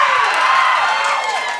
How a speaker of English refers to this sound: Thank you so much for applauding my loneliness.